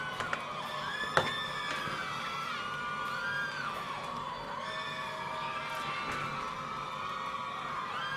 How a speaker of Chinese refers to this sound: 谢谢欢呼。